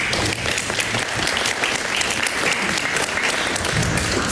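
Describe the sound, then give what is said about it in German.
Steady applause from a crowd after a reading of a text, a dense wash of overlapping claps holding at an even, fairly loud level for a few seconds with no voices standing out. “Berechtigtes Zögern, ob jetzt bei dem Text, also ob das Applaus würdig ist, aber es ist natürlich sehr toll, dass du das für uns liest.”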